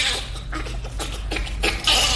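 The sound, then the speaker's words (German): A bonobo laughing: a quick run of breathy, high-pitched panting bursts in an uneven rhythm, moderately loud, with no human voices. “Klar, es tönt anders, aber so vom Rhythmus her dann doch irgendwie ein bisschen ähnlich wie der Bonobo, den wir gerade gehört haben.”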